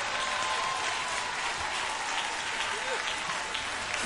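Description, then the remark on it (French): Steady audience applause fills the whole stretch, a dense wash of many hands clapping at an even level, with a faint murmur of voices in the crowd. “Balle dans l'applaudissement.”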